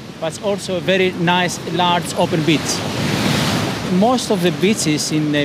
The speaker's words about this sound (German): Es kann ab und zu recht windig sein, so wie heute. Dafür wirklich tolle Naturstrände, wie hier Agios Ionassis, einer der längsten hier an der Ostküste.